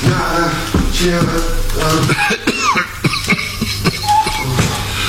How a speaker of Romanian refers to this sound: Dar mi se pare, de nu cumva, e chiar el la ușă, stăpâne. Aud pașii.